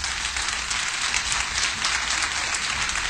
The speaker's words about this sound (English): You believe what I'm saying? So give the Lord a hand clap of praise in this house.